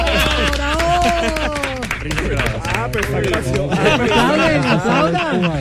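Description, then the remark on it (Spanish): A crowd claps steadily in a dense, continuous burst of applause, with excited voices calling out over it the whole time. “Aplaudan, ¿por qué no aplauden? ¡Bravo!”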